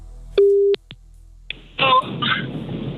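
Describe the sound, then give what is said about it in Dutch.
A single short, steady telephone tone beeps as someone is called for a 'Telefoon bingo' phone game, followed by a couple of clicks and then crackly, band-limited line noise with a faint voice as if the call connects. “We gaan iemand bellen.”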